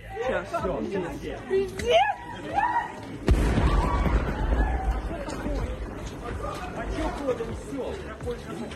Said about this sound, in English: The former British Prime Minister had passed through the station shortly beforehand on his way back from a conference in Kyiv. An explosion could be heard from a platform close to the Polish border.